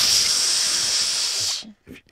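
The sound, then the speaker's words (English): A voice imitates a slow, steady hissing exhale, like air leaking from a balloon, mimicking how people breathe at the gym, lasting about a second and a half before cutting off, followed by a brief soft breath. “They're like doing this slow balloon release thing.”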